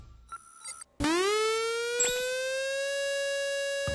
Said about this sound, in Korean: 누가 화재경보기 잘못 눌렀나? 아, 시끄러. 이 소리는 화재경보기가 아니라 민방공경보입니다. 민방공경보요? 그게 뭔데요? 민방공경보란 적의 항공기나 미사일 등에 의한 공격이 예상되거나 공격 중일 때 그 사실을 국민들에게 신속히 전파하기 위한 것입니다.